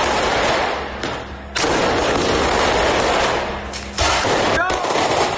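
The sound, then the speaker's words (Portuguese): A firework rocket is lit and goes off in Paraisópolis, in the south zone of São Paulo, Brazil, in a loud, continuous barrage of rapid crackling bangs, almost like gunfire, with short lulls near the start and toward the end. “Acenderam o rojão. Tá saindo. Olha lá, foi.”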